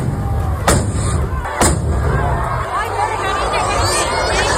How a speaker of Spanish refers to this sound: Pues era el momento en que las mechas de varios cohetes que se iban a lanzar se han prendido con las chispas de los dos primeros y han estallado en el balcón del ayuntamiento y sobre la multitud que se congregaba en la plaza.